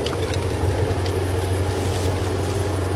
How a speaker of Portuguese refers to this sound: Ah, deve ser o carro do homem dos números.